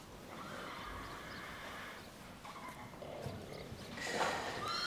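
A horse whinnies near the end over a steady background of soft hoof clops and shuffling, with no talking.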